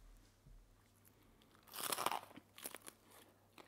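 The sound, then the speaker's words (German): A loud, crackly crunch of teeth biting into crispy roast chicken skin, followed by a few sharper crunchy chews, with quiet low hum before and between. “Also der Flügel zum Beispiel ist super kross, aber auch der Schenkel wird innen extrem saftig.”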